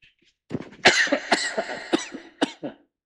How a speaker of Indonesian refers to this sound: Ini mohon maaf lagi batuk-batuk.